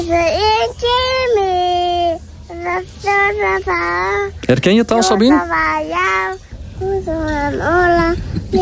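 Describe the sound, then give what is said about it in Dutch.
A three-and-a-half-year-old girl sings along to a pop song, the winner of the VRT Zomerhit, close to the microphone, her high voice holding bright, sustained melodic notes in quick phrases, with a brief spoken remark from someone else. “die kan dat vlekkeloos meezingen”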